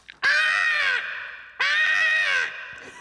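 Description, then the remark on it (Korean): Two loud, harsh drawn-out caws, one after another with a short pause between, made by a broadcaster imitating a crow that landed on a car's side mirror, clear with no other talk. “녀석은 까마귀였어요.”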